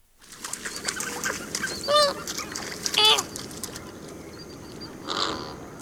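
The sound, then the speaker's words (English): Loud, honking flamingo calls ring out in short harmonic bursts, two prominent ones about a second apart and a softer one later, over a busy background of many birds chattering. “Thank you to the Cornell Lab of Ornithology for the flamingo bird call.”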